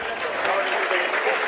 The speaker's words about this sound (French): les applaudissements du public, c'est un public de connaisseurs. Alors forcément, on pousse hein, derrière son ASM, c'est bien normal, mais on sait aussi saluer la performance des coéquipiers, des adversaires.